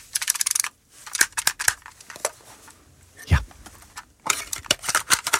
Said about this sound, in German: Kommt euch dieses Geräusch irgendwie bekannt vor? Ja, dieses Plastikklackern. Oh ja, pure Nostalgie, der gute alte Kassettenspieler im Kinderzimmer damals oder eben als Walkman.